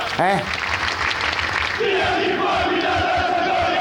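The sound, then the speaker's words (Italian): A large crowd of football fans chants together loudly in protest against their club's management, with a sharp shout at the start followed by a sustained, rising chorus of voices over dense crowd noise. “Fatemi sentire intendiamoci. Quello che dicono i tifosi.”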